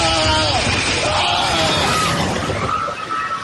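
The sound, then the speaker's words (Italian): A loud, chaotic wash of crashing, rattling noise from a magnitude 7.4 earthquake in Colombia, with people yelling and shouting through it, sustained for the whole stretch with no quiet moments. “Un boato e poi le grida.”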